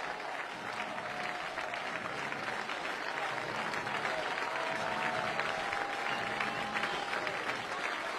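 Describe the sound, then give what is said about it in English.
A large crowd at a baseball game cheers and applauds steadily for several seconds, a dense, continuous wash of clapping and voices at a fairly even volume with no clear speech. “The crowd will rise up again.”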